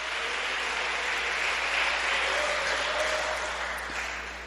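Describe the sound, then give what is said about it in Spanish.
An audience applauds in praise of God, who lives forever, clapping steadily for several seconds in a dense, continuous wash that stays fairly even in loudness before easing off slightly at the end. “Dale un aplauso al que vive por los siglos de los siglos.”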